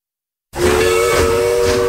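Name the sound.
steam train whistle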